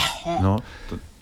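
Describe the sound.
A person gives a loud, theatrical sneeze: a voiced rising build-up that ends in one sharp, breathy burst, followed by a softer breath. It sounds like a deliberate imitation.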